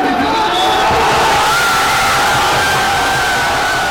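Hundreds of people in a dense street crowd on Avenida Teniente Flomesta in Murcia, Spain roar and cheer continuously after Spain beat Argentina 1-0 in the football World Cup final, a loud unbroken wall of shouting voices with whistle-like tones rising above it.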